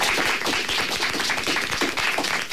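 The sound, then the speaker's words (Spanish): A group of schoolchildren applauding together to greet the audience of La Opinión on Radio Pontevedra and Radio Arousa, a dense, steady burst of many overlapping claps that stays fairly loud and even throughout, with no voices heard. “Pero antes, chicos, ¿por qué no damos un aplauso para saludar también a la audiencia de La Opinión en Radio Pontevedra y Radio Arousa?”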